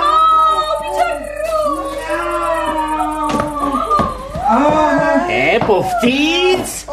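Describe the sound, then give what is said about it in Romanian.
A voice imitates a cat's meow with drawn-out, gliding vocal tones, fairly loud, amid other animated voices and background music. “Haideți să intrăm. Hai, miau.”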